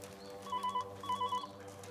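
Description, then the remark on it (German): A telephone rings in two short electronic bursts, a steady trilling tone repeated with a brief gap, heard over a low constant hum at moderate volume. “Ja, jetzt gehen Sie schon ran.”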